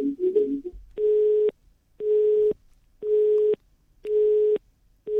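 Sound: telephone busy tone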